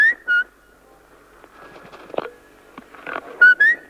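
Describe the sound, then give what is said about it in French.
A person whistles short, bright bird-like chirps, two quick rising notes at the start and two more at the end, loud, with soft rustling and faint background noise between them. “On t'écoute, hein. Tu siffles bien, lui.”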